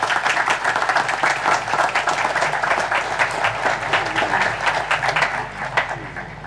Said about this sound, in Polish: Dla wszystkich jubilatów ogromne brawa.